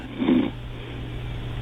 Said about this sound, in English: I think I heard a snore in there.